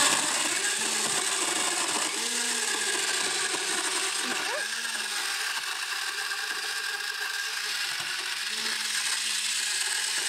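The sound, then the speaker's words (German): A countertop blender roars steadily and loudly while mixing a frozen slushy drink, a dense whirring grind with a low motor hum that wavers slightly as frozen chunks churn, running without pause for the whole stretch. “Wenn ich jetzt keinen Mixer zu Hause habe, kannst du das mit einem Stabmixer auch machen?”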